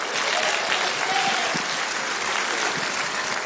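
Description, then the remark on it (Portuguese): A church audience applauds to welcome a servant of the Lord, dense clapping from many hands at a loud, even level for a few seconds without pause. “Vamos receber o servo do Senhor com as palmas, bem alegre para Jesus.”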